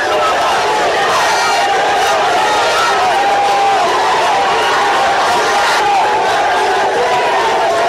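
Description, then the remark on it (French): A huge crowd at the gates of the town of Ouaigouya cheers and shouts without pause in support of Captain Ibrahim Traoré, a loud, dense wall of many voices with rising calls and whoops throughout, and no single speaker standing out. “Une marée humaine venue lui témoigner son soutien jusqu'aux portes de la ville.”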